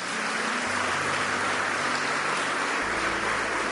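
A crowd applauds steadily for several seconds, a dense, even wash of clapping with no voices on top, given as applause for Jesus Christ.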